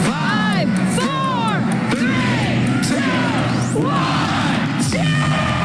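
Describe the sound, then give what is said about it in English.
Hundreds of people packed into the bar Recess yell and cheer during an attempt at the Guinness World Record for the most people taking a shot of Malort at the same time. A dense, steady roar of many voices, with rising shouts and whoops cutting through, loud and continuous throughout. “Hundreds jammed into the bar Recess tonight to try and set the world record for the largest mass of people taking a shot of Malort at the same time.”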